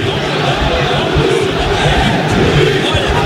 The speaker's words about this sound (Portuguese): Pois é, muitas vaias aqui agora nesse momento, até garrafas, inclusive, sendo atiradas na direção da arbitragem. Ouça.